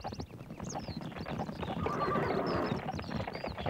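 Horse hooves galloping in a steady, rapid rhythm, fairly loud throughout, with a brief whinny-like cry rising above the pounding beats.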